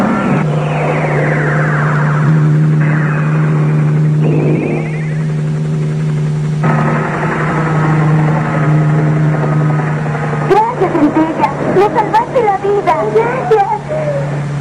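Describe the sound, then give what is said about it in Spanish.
A helicopter drones loudly and steadily, its engine hum holding a constant pitch for about ten seconds before voices start talking over the continuing rotor noise. “abajo del cristo, un helicóptero los aguarda allí.”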